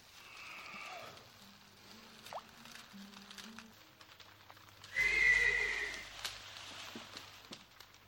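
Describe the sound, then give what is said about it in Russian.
Restless horses whinny and stir, a loud neigh rising around the middle amid shuffling and low rumbling, with faint patter and rustle in the background and no one speaking. “Лошади... Забеспокоились.”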